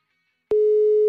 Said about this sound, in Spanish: Que no existe, dice el número. Es cierto. Estaba marcando por WhatsApp porque por el otro lado no se pudo.